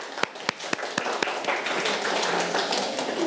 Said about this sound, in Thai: เพื่อนๆปรบมือให้หน่อยครับ